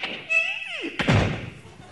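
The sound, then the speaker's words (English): A house door creaks open with a high, falling squeal, then shuts with a single solid thud that rings out briefly, fairly loud. “They open the door and go in.”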